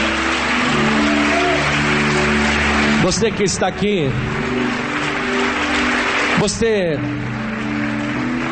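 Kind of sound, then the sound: crowd, audience applauding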